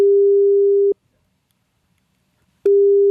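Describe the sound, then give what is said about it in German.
A steady single-pitched telephone ringback tone of an outgoing call from an SR3 Saarlandwelle radio presenter to the Bildungszentrum Körkel in Gendorf sounds for about a second, falls silent for nearly two seconds, then starts again, heard clearly and alone on the line. “Einen Zettel, den er dann genutzt hat, um zu telefonieren. Das hat er gemacht. Er hat angerufen.”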